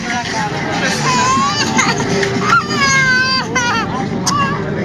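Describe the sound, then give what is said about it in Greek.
A baby cries in several drawn-out, rising and falling wails outside a church in Nikaia at half past one at night, heard over a steady background of crowd chatter and hubbub, with people clapping. “Το μωρό κλαίει.”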